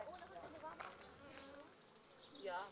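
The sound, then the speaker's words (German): A steady, dense buzzing of a hive of about 20,000 honeybees, continuous throughout with slight swells, moderately loud, with no one speaking. “Ebenfalls eine Mutprobe, an einem Bienenstock mit 20.000 Bienen herantreten.”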